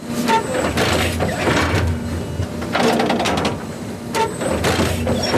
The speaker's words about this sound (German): Alle paar Sekunden fährt das Müllauto-große Gerät ein ganz klein bisschen weiter und sticht mit einer Reihe Nadeln in den Rasen vom Europaparkstadion.